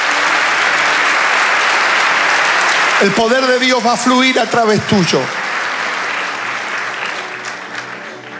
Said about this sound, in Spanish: Ser cristiano es vivir a Cristo todos los días. Vamos, dale el aplauso al Señor.